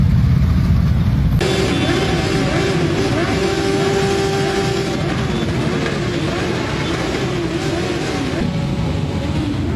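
Motorcycle engines rev loudly and continuously outside a funeral in Retuerto, as bikers pay tribute to a fallen companion with throttle bursts: a thick, steady roar with rising and falling whines, several engines overlapping throughout.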